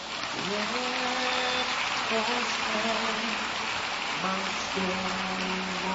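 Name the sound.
audience applause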